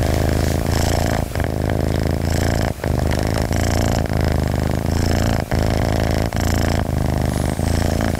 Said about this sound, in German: So, die Katze schnurrt und ist vollkommen entspannt.